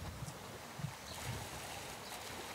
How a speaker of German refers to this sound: Wassermarsch im Auswilderungsbecken.